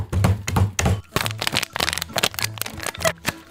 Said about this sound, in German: Ich räume noch mal eben kurz die Spülmaschine ein.